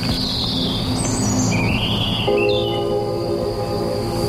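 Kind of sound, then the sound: bird, birds chirping in trees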